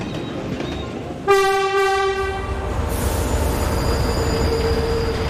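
A train horn sounds a long, loud blast over the steady rumble of a train pulling in for a stop of only two minutes, with faint wheel squeal lingering as the rolling noise continues.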